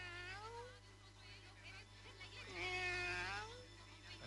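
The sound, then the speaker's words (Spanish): A cat meows twice, clear: a short wavering meow, then a longer, louder drawn-out one after a pause, over a faint steady hum. “El gato. Pedazo de gato. Ese.”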